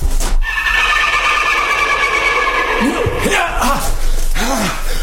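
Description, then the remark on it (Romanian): A horse neighs loudly a few times, its cries rising and falling over a steady, noisy background, with brief rough bursts in between. “Să-i luăm calul.”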